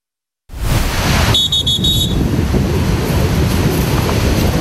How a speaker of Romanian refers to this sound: Vă reamintesc că în ultimele zile marea a fost agitată și valurile puternice și iată că, din păcate, o barcă a fost răsturnată.